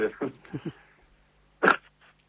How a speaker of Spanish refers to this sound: Perdón. Salud, te vino un estornudo justo.